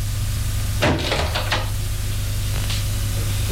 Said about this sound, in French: Il l'amène à sa chambre qui se trouve à l'étage au-dessus. Ouvre une porte. Entre.